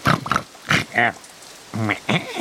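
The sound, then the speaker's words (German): Pigs grunt in a quick series of about six short, nasal snorts, loud, with brief pauses between them and no talking, as they step toward a house's front door. “Auch die Ziege und die Schweine machten einen Schritt auf die Haustür zu.”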